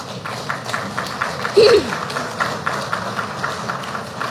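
A crowd claps steadily throughout, a dense patter of many hands. A brief rising cry or whistle cuts through for a moment partway in.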